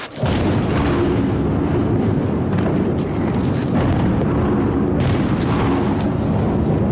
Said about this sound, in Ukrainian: Центр міста Слов'янськ, 15:30, чутно вибухи.